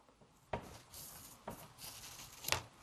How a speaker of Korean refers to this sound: 저 이렇게 옆으로 휘어버린 못 쓰게 된 붓이 하나 있어서 챙겨왔어요. 이 붓을 가위로, 이 붓을 0.7cm 정도만 남기고 이렇게 짧게 잘라줄 거예요.